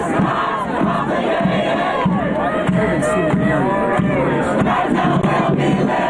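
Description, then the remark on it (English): A loud crowd of pro-Palestinian protesters chants and yells "traitor, sellout" at Mayor Mamdani at an event, many overlapping voices shouting together without pause for the whole stretch, raised and strained, with no single speaker standing out. “Now, Mamdani was met with chants of traitor, sellout.”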